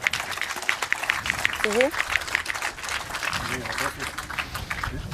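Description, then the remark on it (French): A crowd claps steadily for about five seconds, a dense, even patter of many hands, applauding two referees, with a few voices speaking and calling out over the applause. “Alors j'aimerais qu'on applaudisse bien bien fort de 2 arbitres.”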